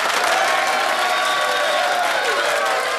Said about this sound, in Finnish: Ja tuossa, otetaan tuolle pienet aplodit.